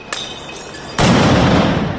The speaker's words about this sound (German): Es fliegen Rauchbomben, es knallen Böller.